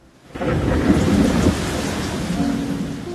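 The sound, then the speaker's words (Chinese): Heavy rain bursts in suddenly after a brief silence, a dense steady hiss layered over a deep rolling rumble of thunder that swells early, then eases slightly while the downpour continues. “有一天天空突然下起大雨，当大家狼狈地奔跑躲雨，只有他从容地撑开伞。”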